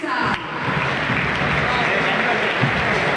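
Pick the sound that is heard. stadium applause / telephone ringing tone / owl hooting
stadium applause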